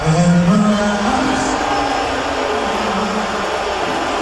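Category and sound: crowd, stadium crowd booing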